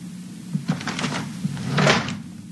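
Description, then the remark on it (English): A dresser's underwear drawer slides and knocks shut, a short scraping run followed by a louder rumbling push and a soft thud, with no one speaking. “His underwear drawer is wide open.”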